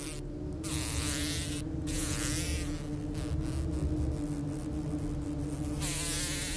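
Wasps or hornets living in an attic room buzz loudly and steadily, a continuous droning hum with no pauses and no voices, with brief airy hisses flickering over it.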